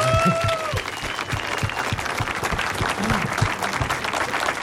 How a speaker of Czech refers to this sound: To chce potlesk.